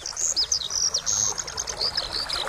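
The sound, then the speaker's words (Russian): A skylark sings a continuous, rapid stream of high, warbling trills and chirps, steady and fairly clear, with no voices and only a faint hiss beneath. “И жаворонки.”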